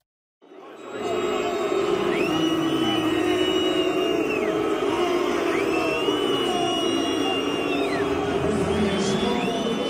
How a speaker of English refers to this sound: FIFA's hydration breaks at the World Cup are inviting loud boos and criticism. You might have heard them.